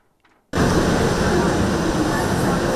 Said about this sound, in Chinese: 火车进站带来些许凉意，但车厢要是没冷气，那可就难熬了。